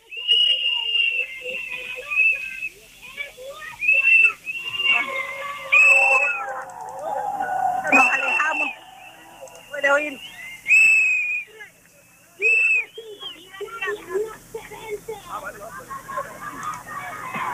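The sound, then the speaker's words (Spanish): Repeated shrill whistles ring out over a noisy crowd, short sharp blasts and longer tones coming in bursts amid constant chatter and background commotion. “no sé esos silbidos por quién son.”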